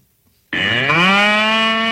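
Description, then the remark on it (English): A bull lets out a single loud, sustained moo that begins abruptly after a half-second of silence and holds steady and rich to the end. “We don't have a cow. Got a bull.”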